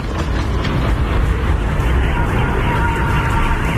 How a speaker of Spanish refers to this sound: Es el sonido de los ataques y horas antes estos ataques con drones ucranianos dejaban al menos 12 muertos y 7 heridos en la ciudad rusa de Belgorod.